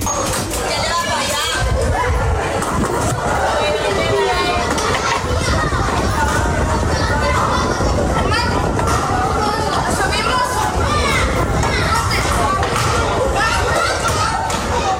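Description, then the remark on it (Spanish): Children play outdoors in the street at dusk on a summer evening, running, laughing and cycling at the Puerto Mar housing estate in La Manga del Mar Menor, Region of Murcia, Spain, their overlapping voices and shouts forming a busy, steady hubbub, with scattered thumps like a ball bouncing throughout. “Son niños jugando al caer la tarde, corriendo, riendo, montando en bicicleta o inventando cualquier excusa para seguir un rato más en la calle”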